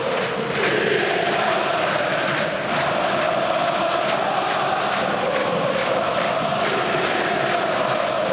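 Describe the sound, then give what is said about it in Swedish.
A huge stadium crowd of AIK football supporters chants in unison at a home derby against Hammarby, loud and sustained, with steady rhythmic clapping driving the beat throughout and no individual voices standing out. “Och lyssna på AIK-publiken nu.”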